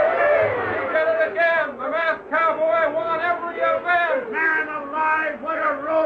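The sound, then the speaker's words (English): A rodeo crowd cheers wildly as the final event, bronco busting, ends, many voices shouting and whooping together in a loud, continuous roar that swells and dips over six seconds without pause. “As the final event, Bronco Busting, ended, the crowd went wild.”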